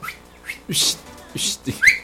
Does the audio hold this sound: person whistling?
yes